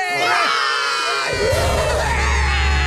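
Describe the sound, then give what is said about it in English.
A group of children cheer and roar together in victory after finishing building a fortress, a loud, sustained burst of shouting, with high-pitched voices rising and falling in excited whoops for a few seconds. “This is a victory. We need to roar.”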